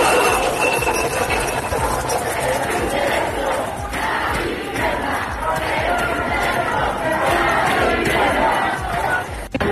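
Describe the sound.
A large morning protest crowd in the Canary Islands, demonstrating for the right to housing with keys held up, chants and shouts together in a loud, steady roar of many voices, the collective noise holding throughout with rhythmic swells and overlapping cries.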